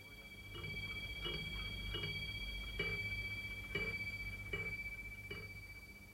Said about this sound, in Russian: А эти, в частности, у него всегда стояли на столе. Он их сам заводил. Любил прислушиваться к бою этих часов.